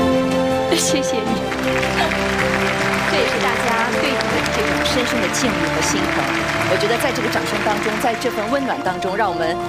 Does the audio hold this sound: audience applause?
yes